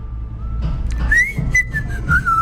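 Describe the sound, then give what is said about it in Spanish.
A parent whistles a call to summon children home in a neighbourhood, each parent having a distinct whistle: a sustained call that slides upward and holds a bright, wavering pitch for about two seconds, fairly clear over a low, rumbling background noise. “En mi barrio, si vos te portabas mal, siempre escuchabas el chiflido distinto cada padre.”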